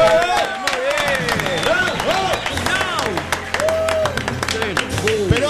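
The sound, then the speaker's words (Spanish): Dense applause from a crowd, steady clapping throughout, mixed with excited shouting and cheering voices on top, fairly loud. “Preparen los aplausos.”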